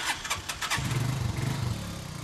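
A motorcycle engine starts up: a few quick cranking bursts, then it catches and settles into a steady, throbbing low idle. No voices are heard. A father and son, beekeepers, are setting off by motorcycle toward their beehives on a mountain about 10 km away.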